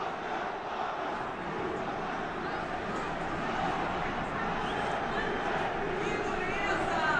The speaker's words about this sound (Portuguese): Nem foram muitas vaias, mas são muitos protestos dos torcedores.